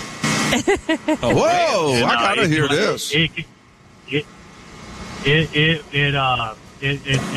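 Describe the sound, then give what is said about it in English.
A voice imitates a whale-like moan from the air conditioner of a 2020 Ram Laramie truck with a 5.7 engine, sitting still in park: two bursts of rising and falling, warbling tones, loud, separated by a quiet low hum. “Is when you're sitting in your truck and you're sitting still in park, the air conditioner will emit a whale sound.”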